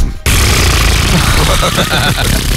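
Someone imitates a queef with the mouth: a loud, sustained, sputtering, airy burst lasting a couple of seconds, with a rough fluttering rattle running through it.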